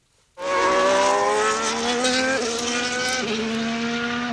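A racing car engine bursts in loud, holding a high, buzzing whine that dips briefly twice as if shifting gears, with no voices.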